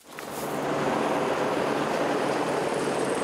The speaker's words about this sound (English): A helicopter drops reinforced pipe to the access tunnel for the Chilime hydro plant. The pilot struggles against the wind.